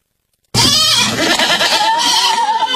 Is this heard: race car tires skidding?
no